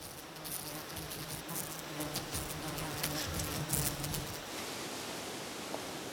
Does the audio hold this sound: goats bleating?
no